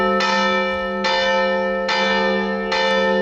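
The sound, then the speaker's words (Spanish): Church bells of the collegiate church of San Isidro peal loudly in the morning, with four resonant strikes at an even, steady pace, each tone ringing on and blending into the next. No voices are heard. “Las campanas de la colegiata de San Isidro repicaban así esta mañana.”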